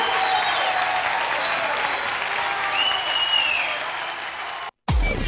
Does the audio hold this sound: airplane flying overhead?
no